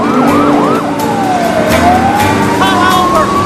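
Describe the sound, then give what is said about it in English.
Police sirens wail and yelp loudly from two squad cars on either side of a speeding car, their pitches sweeping and overlapping, over the steady roar of the car weaving through and overtaking traffic. “He checks the position of the squad cars in his wing mirror.”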